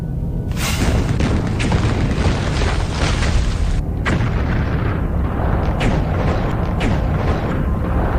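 A violent barrage of explosions, heavy booms bursting one after another over a continuous deep roaring rumble, loud, lasting throughout with no voices: buried bombs detonated at several empty sites near the Xiaofengman hydropower station.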